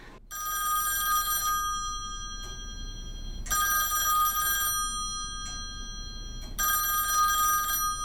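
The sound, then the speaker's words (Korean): A telephone rings during a phone call in three long, buzzing bursts separated by short pauses, steady, with no voices over it. “이 새끼가 시간 끌려고 전화하는 척하는 거 봐.”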